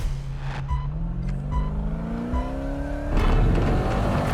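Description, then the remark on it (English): A Pro 4 racing truck's engine, one of four cars in a race, revs loudly, its whine climbing steadily in pitch for about three seconds, then breaks into a rough, gritty roar as it tears off-road. “Andrew's Pro 4 truck has the greatest suspension out of the four cars. It can jump over the track and run off-road.”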